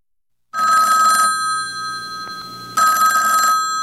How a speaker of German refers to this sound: Stellen Sie sich vor, liebe Zuhörerinnen, das Telefon klingelt.